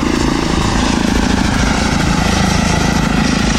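An electric airplane flies overhead with a steady, continuous propeller whir and hum, fairly loud and even throughout, with no voices.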